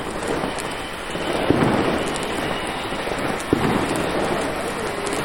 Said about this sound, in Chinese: 亲，放烟花不？